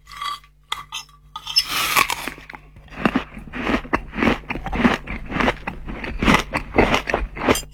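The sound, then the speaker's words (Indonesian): A father eats a meal cooked by his child: steady crunchy chewing of food, with repeated crisp bites in a quick, uneven rhythm, preceded by a few clinks and a brief rustling burst. No one speaks. “Enak banget masakan anak ayah nih. Alhamdulillah nikmatnya makan ini nak.”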